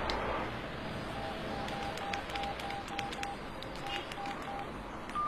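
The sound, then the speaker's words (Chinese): A mobile phone keypad being dialed to call someone's mobile phone: a quick series of short, evenly spaced beeps with faint button clicks over a steady background hiss. “打他的手机吧。”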